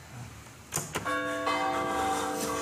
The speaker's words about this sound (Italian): Adesso, signori, la perfezione, il top della categoria, campane della chiesa madre San Marco Evangelista, Agnone.